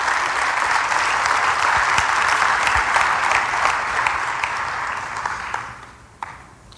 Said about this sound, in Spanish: Sí, denles un aplauso.